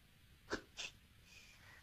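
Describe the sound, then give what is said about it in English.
A voice mimics a can being opened as a reverse secret sound: two short, sharp mouth bursts in quick succession, like gulps, followed by a soft, faint hiss. No one speaks. “your reverse secret sound is opening up a can.”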